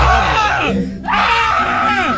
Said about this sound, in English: Oh, my God. It sounds like Texas Chainsaw Massacre. What? She started yelling.